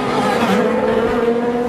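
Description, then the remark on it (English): Loud, steady engine roar with harmonic tones, like race cars tearing by, filling the whole short stretch with no voices. “Listen to those badass cars.”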